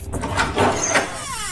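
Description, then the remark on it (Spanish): The door of a newly bought, plugged-in, empty refrigerator swings open with a scraping, squeaky creak, a rough grinding sound followed by a thin, wavering squeal as it finishes moving. No one speaks. “Eso digo yo, se echa de menos una cervecita fresquita y un poco de aceite lubricante en la puerta, que chirriaba como el ataúd del Conde Drácula, ¿sabes?”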